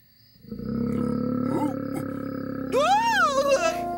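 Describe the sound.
A voice imitates a monster's roar: a sustained, growling rumble lasting several seconds, rising into a higher, wavering howl near the end. It is loud and heard on its own.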